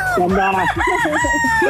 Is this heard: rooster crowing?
yes